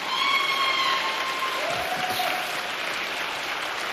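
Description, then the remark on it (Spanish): An audience of migrants claps steadily, a dense wash of many hands applauding at an even level for the whole stretch, with a faint whistle-like tone sliding through the middle. “Como usted no es migrante, no aplaude, pero los migrantes se aplauden.”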